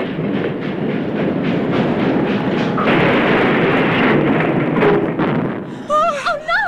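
A train engine roars past right by a house in the dark as it nears the Honey Creek Bridge, a loud, steady rumble with rhythmic wheel clatter, then wavering whistle-like tones rise briefly at the very end.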